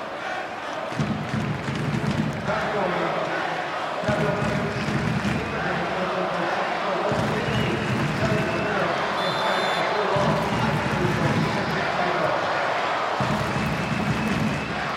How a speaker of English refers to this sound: Crowd trying to get this Red Bull New York team back into the game.